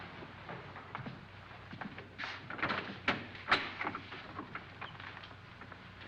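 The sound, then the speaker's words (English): Doors and cupboard doors are opened one after another, with sliding scrapes, soft thumps and a few sharp clicks over several seconds, moderately loud, with no talking. “Boy, I've never seen so many doors.”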